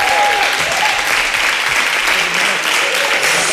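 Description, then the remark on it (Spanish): Loud, sustained applause from a large audience at the Mérida International Classical Theatre Festival, celebrating the Spanish national team becoming world champions. Dense clapping fills the whole stretch without pause, with a faint whistle-like tone briefly audible near the start. “Te diré que, bueno, pues eso, todo el mundo ha aplaudido, todo el mundo contento, todo el mundo lo ha comentado.”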